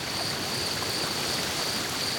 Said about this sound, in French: J'entends un cours d'eau et du vent dans les arbres. Mais pas de son, bestiole. Dans les forêts du massif central, l'été, les nuits sont très douces.